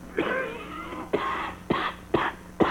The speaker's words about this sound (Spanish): Y esta tos es de perro, mire. Ah, papo, esa tosecita me se hace sospeché, bagañón.